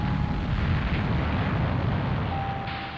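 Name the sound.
atomic bomb explosion boom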